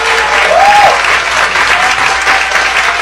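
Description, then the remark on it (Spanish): A large audience claps steadily throughout in tribute to Mexican earthquake rescue workers ("topos"), dense and sustained, with a faint whistle rising briefly above the applause near the start and a thin tone later. “saben lo que está sucediendo con el terremoto y quiero que desde acá, porque lo estoy grabando, darle un aplauso a los topos mexicanos que hoy son héroes nacionales en mi país.”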